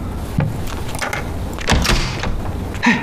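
A door is opened, with a couple of clunks and a rattling slide as it moves, ending in a final knock; no one speaks.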